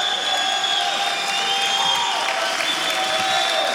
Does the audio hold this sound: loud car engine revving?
no